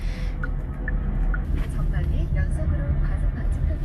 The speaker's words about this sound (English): Right now, I'm in my dad's car and heading towards my first interview.